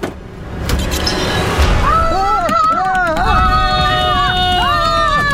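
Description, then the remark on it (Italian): A rapid, steady patter imitating the running footsteps of someone fleeing, made as a sound effect, like quick slaps or drumming, runs throughout, while a wavering, high-pitched vocal sound rises and falls over it from about two seconds in. “Sono i passetti della fuga.”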